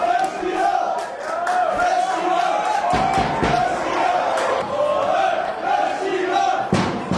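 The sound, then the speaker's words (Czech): Fans of the TJ Sokol Leština club from the Šumperk district chant and cheer loudly at Andrův stadion in the district super cup final against Hněvotín, a sustained, roaring crowd din with rhythmic shouted chanting and a few sharp claps or bangs cutting through the steady noise. “Ačkoliv fanklub týmu TJ Sokol Leština z okresu Šumperk měl na Andrově stadionu ve finále okresního superpoháru hlasitější podporu, neodvrátilo to porážku s Hněvotínem 0-4.”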